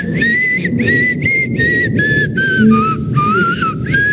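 A person whistles a tune in a series of clear, sustained notes separated by brief breaks, fairly loud, over a steady rumble of background noise. No one speaks.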